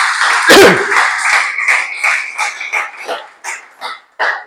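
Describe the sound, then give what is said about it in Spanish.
A crowd claps loudly as applause offered to the Lord, in a dense burst that gradually thins into scattered, separate claps as the applause dies down over several seconds. “Ese aplauso al señor, que estáis muy serios.”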